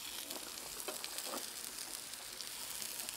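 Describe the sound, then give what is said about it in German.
Sage leaves, just put into the middle of the pan, sizzle steadily in a hot frying pan, a dense crackling hiss with a few brief pops, fairly quiet, with no voices. “So, gerade einfach noch mitten in die Pfanne”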